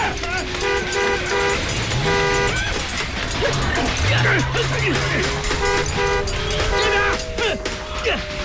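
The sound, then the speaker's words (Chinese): As a car is started, repeated car horn toots, a few short blasts and a longer held honk, ring out over a busy engine rumble and crowd noise, with people shouting in the background. “甩鞭子，发动汽车”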